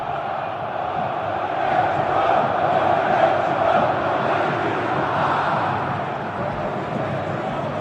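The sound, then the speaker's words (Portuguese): A huge stadium crowd of Corinthians football fans chants together in a loud, continuous roar at the Arena Corinthians before a match against Rosario Central, the massed singing swelling slightly midway and holding steady throughout with no other voices on top. “Canta, fiel torcida, sinta o clima.”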